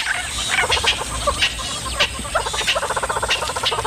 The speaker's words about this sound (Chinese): 这只雌性花豹眼下需要好好休息，可它的邻居们偏不让它安宁。这些鸟类对花豹满是戒备，只要看见花豹就会发出响亮的叫声提醒同伴。